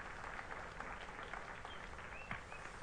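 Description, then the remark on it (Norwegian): A church audience claps steadily for the organist for the whole stretch, a soft, dense patter of many hands with no voices over it and a few faint high tones drifting through. “Ja, ja, gi en klapp til organisten, det er fint.”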